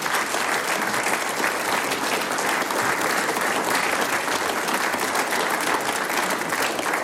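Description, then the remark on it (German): Sustained applause from a sizable audience, a dense, steady wash of many hands clapping at once, loud, holding evenly for about seven seconds with no talking; the audience applauds after an interview with mayor Sebastian Wolf and Karl Wappel. “Euer Applaus. Dankeschön.”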